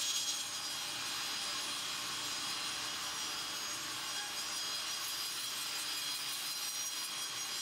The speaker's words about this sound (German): Schmeiß die Säge an. Schmeiß an. Im Sägewerk der Familie Holz in Kritzmo.